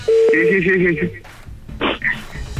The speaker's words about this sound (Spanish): A ver, le estamos marcando. Si contesta, entras tú.